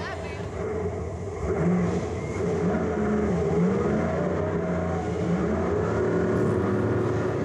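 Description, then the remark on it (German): Monster truck engines roar loudly and continuously in a race between two monster trucks at a time in a stadium at night, their pitch rising and falling as they rev and race, over a dense, rumbling background that never lets up. “Das Regelwerk schreibt vor, zunächst ein Rennen zwischen jeweils 2 Monster-Trucks.”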